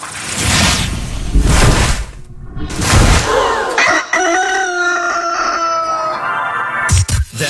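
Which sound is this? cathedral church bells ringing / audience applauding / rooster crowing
rooster crowing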